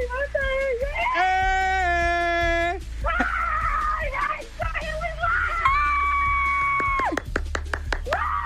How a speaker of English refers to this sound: let me hear you scream.